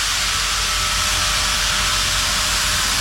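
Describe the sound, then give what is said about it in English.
A steady, loud wash of steam hiss over a low rumble as the Big Boy steam locomotive, the biggest of all time, rolls past on a nationwide tour, continuous for the whole stretch with no voices. “Even if you are not a train person, if you were trackside when the big boy steam locomotive rumbled past, you'd say something like, "Damn, that's impressive."”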